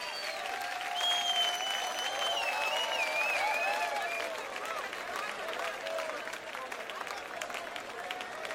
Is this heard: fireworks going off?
no